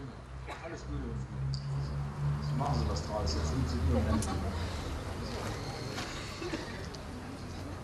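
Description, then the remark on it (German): Irregular hoof clops from horses plodding steadily as they drive a horse whim (Pferdegöpel) at a Kultur Marienberg site, mixed with faint creaks of the working machinery, set against a low murmur of people chatting in the background. “Die nun beginnende Betreibung des Pferdegöbels stellt mit Sicherheit ebenfalls eine Herausforderung dar.”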